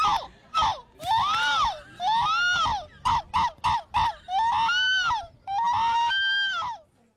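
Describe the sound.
A person imitating seagulls in a contest of humans mimicking seagull calls makes a series of loud, arching squawks followed by a burst of short rapid yelps, then longer wailing cries, with no other talking.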